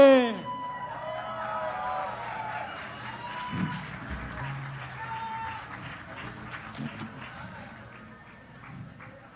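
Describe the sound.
An audience applauds steadily, dense clapping mixed with cheers and whoops, with crowd voices rising over it. The noise stays fairly loud throughout, then thins and fades slightly toward the end.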